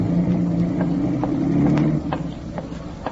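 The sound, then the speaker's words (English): A taxi's car engine rumbles steadily at Cornelia Street, then the low drone drops away after about two seconds as the taxi pulls off, leaving quieter mechanical noise with faint clicks. “Well, I got the only car.”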